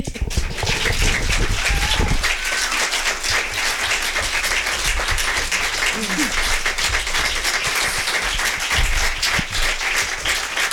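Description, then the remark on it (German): Sustained audience applause, a dense, steady wash of many hands clapping at even loudness throughout, with a faint voice or two briefly audible underneath. “Ja, dann überspreche ich den Applaus den Berechtigten jetzt nochmal.”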